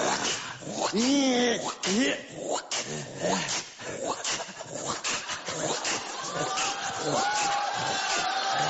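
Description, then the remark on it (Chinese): A person imitates their family dog, barking, yelping and whimpering in a run of loud dog-like cries, while a crowd murmurs and laughs underneath. “学我们家狗啊！我们家狗就这样，狗就这样。”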